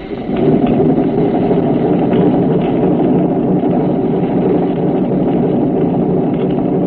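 A steady mechanical hum of a submarine trim pump pumping water from the auxiliary tank to the forward trim tank to take the dive angle off the boat, loud and continuous throughout with a low droning rumble and no voices.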